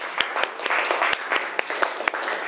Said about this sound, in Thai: ขอเสียงปรบมือให้เพื่อนจากกลุ่มที่2นะคะ